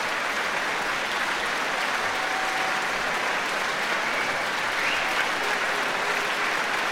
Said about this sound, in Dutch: En ook grote applaus nog weer voor de muzici van het Rotterdamse Philharmonisch Orkest.